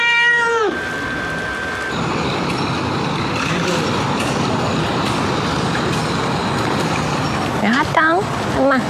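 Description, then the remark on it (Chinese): A cat with a bald patch above its eye meows twice, a drawn-out falling cry at the start and a shorter wavering one near the end, both clear over a steady wash of outdoor traffic noise. “它不是猫癣，我可以确定。做个驱虫，直接放归。”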